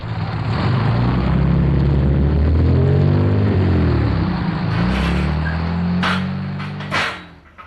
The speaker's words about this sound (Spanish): Chis, qué cachimbo de gente la que viene en ese carro. Chis, si es Mercedes.